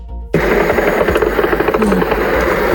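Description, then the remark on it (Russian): A loud, steady engine drone with a fast pulsing buzz starts abruptly and fills the whole recording as a drone flies past overhead. No one speaks. “Где-то летит. Вон, Жень. Ага. Мимо пошел.”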